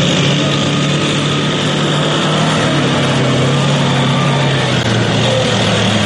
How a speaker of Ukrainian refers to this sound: Та вже за декілька хвилин цією дорогою проїжджає техніка, яка потенційно могла стати її ціллю.